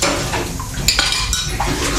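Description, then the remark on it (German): Dishes being washed, with cutlery clattering and clinking in sharp bright bursts over a steady wash of running water and sink noise, continuous and fairly loud with no voices. “Sie finden Abwaschen langweilig?”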